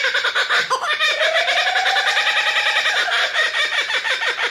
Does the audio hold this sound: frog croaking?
no